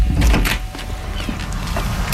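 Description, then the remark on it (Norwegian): A door is opened to answer the doorbell, with a heavy low thud and handle clunk at the start, followed by a few softer clicks and rattles as it swings. No one speaks. “Åpne døra.”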